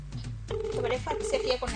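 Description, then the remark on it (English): A telephone rings out on the line unanswered, two long electronic ring tones with a short gap between them, fairly clear over a low, busy background murmur. “Yeah, because people is not picking up their phones.”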